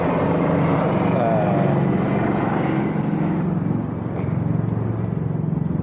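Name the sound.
helicopter passing overhead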